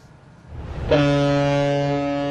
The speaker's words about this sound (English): A booming call cuts the silence. Cruise horns echo as the first vessels of the season set sail across once frozen Tianshi Lake.